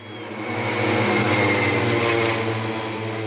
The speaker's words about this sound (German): So klingen Radrennen in Forst. Vorneweg knattern die Motoren der Schrittmachermaschinen. Im Windschatten dahinter die Radfahrer.